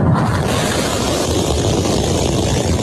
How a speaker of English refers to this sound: And SpaceX launches its biggest version of its Starship rocket onto a test flight.